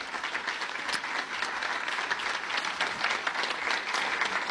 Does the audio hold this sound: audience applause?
yes